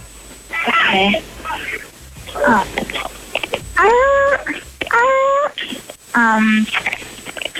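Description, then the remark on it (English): A person imitates a seal barking with five loud, harmonic yelps in a row, each rising and falling in pitch with short gaps between, alone with no other talk. “Can you bark like a seal for me real quick?”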